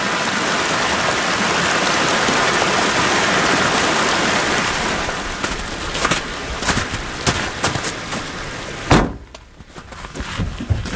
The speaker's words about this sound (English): And streams, swollen with melting snow, cascade down the mountain.